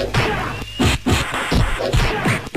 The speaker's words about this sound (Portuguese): É cadeira subindo pra baixo e pra cima, cadeira mesmo. Escuta só o barulho.